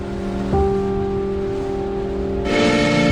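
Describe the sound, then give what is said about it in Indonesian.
A loud, sustained horn blares for about two seconds over steady traffic rumble, then swells brighter before cutting off abruptly near the end. “Bijak yuk dalam menggunakan klakson.”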